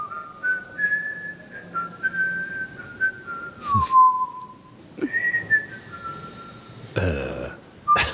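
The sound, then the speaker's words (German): A person whistles a slow, wandering tune of long held notes with gliding pitch slides over a soft background hiss, broken near the end by a brief rustling burst. The whistling is part of an art installation heard in one of the rooms of an exhibition. “Da pfeift ein vergnügter Ausstellungsmitarbeiter oder was? Könnte man denken, aber das ist Teil einer Installation”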